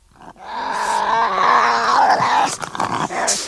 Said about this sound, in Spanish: Resopla por la nariz, supongo que tendrá nariz. Y no lo está pasando muy bien.